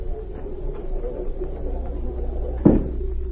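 A single dull thud of a door shutting cuts through a steady low hum, brief and fairly loud, with nothing else happening around it and no one speaking.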